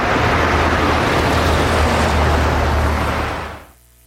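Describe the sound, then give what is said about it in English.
A bus rumbles loudly, its deep engine drone and broad roar holding steady for a few seconds before cutting off abruptly. No one speaks. “Ah, here comes the bus.”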